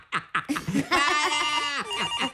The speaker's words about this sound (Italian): Ecco che squilla il telefono.